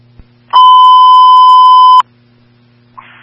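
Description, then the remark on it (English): A loud, steady emergency dispatch alert tone paging Cimarron Hills Medical at 1440 holds one pitch for about a second and a half and then cuts off. A faint radio hum sits underneath, followed by a brief crackle of static. “Tones and pages at 1440.”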